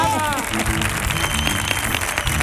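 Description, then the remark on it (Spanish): An audience bursts into loud, sustained applause for itself during a recording of a show, a dense steady wash of clapping with a voice briefly rising over it at the start. “Así que un aplauso para nuestro público de esta tarde.”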